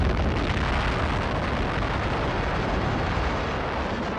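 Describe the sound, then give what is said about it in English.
The first atomic bomb test explosion, at night on 16 July 1945 in the Jornada del Muerto desert in southeastern New Mexico, recorded by Army cameras 6 miles away, roars continuously: a loud, dense, rumbling blast that stays steady for the full few seconds with no voices present. “Army cameras 6 miles away record the historic explosion.”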